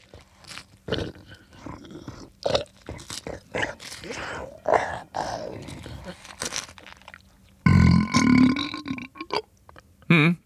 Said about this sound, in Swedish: ljudeffekten krokodil äter upp en man och avslutar med en rap